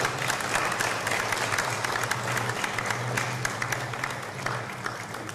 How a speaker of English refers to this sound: So let's give them a little round of applause.